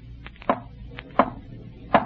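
Three sharp knocking raps given in answer to a call to rap three times, evenly spaced about three quarters of a second apart, each a crisp hollow thud over a low, steady background hum.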